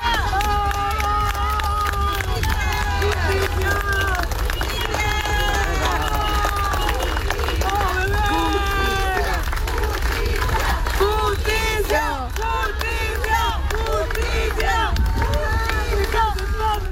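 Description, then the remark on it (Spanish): A large outdoor crowd of about a hundred people in a funeral procession for a child, with a caravan of vehicles and white handkerchiefs, shouts and calls out together demanding justice, many raised voices overlapping continuously over a dense, steady din with bursts of clapping mixed in. “Entre aplausos, pañuelos blancos y gritos exigiendo justicia, los asistentes acompañaron el recorrido en memoria del menor.”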